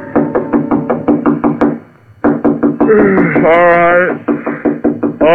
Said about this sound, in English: It was almost 3 a.m. when Andy knocked on my apartment door.